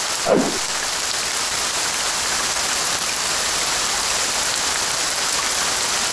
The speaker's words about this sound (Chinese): 唉，下雨天就是这么麻烦，这场大雨已经连绵不绝下了好久了。